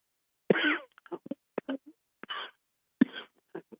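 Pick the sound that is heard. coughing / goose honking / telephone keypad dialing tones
coughing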